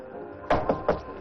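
Three quick, firm knocks on a wooden door in an even rhythm, against a quiet background with no one speaking.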